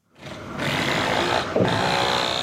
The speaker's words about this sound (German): Eine riesige Baustelle in der Berliner Innenstadt, direkt neben dem gasbetriebenen Heizkraftwerk Mitte. Gerade wird die Bodenplatte für das künftige Kesselhaus gegossen.